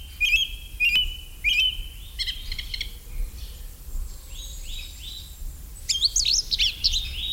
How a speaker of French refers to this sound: c'est la grive musicienne qui chante vraiment très très bien aussi